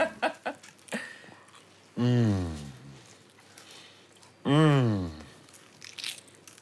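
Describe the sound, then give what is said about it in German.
A few crisp, flaky crunches as someone bites into and chews a croissant, followed by two drawn-out vocal murmurs of enjoyment. “Darf ich reinbeißen?”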